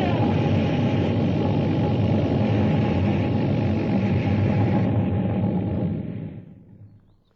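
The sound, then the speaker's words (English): A flying saucer descends through the sky over Washington, D.C., hovering over the mall, with a loud, dense, steady electronic roar that holds for several seconds, then winds down and fades away to near silence as it lands on the grass. “Burning down through the sky over Washington, D.C., hovering over the mall. Descending.”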